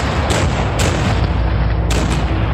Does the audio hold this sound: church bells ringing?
no